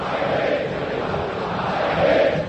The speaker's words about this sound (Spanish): La gente grita, la gente está feliz.